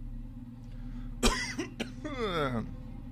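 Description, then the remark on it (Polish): Two or three sharp, close coughs burst out in quick succession, followed by a strained, wheezy vocal exhale, all over a steady low background hum. “Ciężko się tu oddycha, stąd ten kaszel.”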